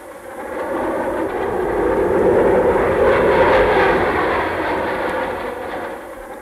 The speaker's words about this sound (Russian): Все направляются к выходу и, остановясь на минуту в дверях, провожают глазами самолеты, четким строем проходящие в небо.